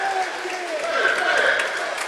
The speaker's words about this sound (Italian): per Beppe Genchi che esce tra gli applausi del pubblico.